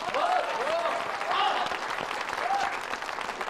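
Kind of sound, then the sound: crowd, classroom audience applauding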